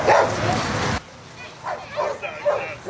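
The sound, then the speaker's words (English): A burst of broad, rushing noise gives way to several dogs barking and yipping in short, high bursts, scattered irregularly, as the dogs cool off in the Valley Mission Pool in Spokane Valley on a Sunday during the Paws in the Pool program. “Take a look at these pups cooling off in the pool.”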